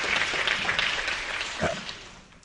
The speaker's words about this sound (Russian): Я тебе тоже хлопаю.